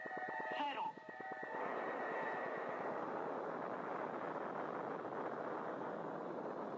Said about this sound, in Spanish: El estruendo de los potentes motores del proyectil Atlas se dejó escuchar como un trueno multiplicado varias veces.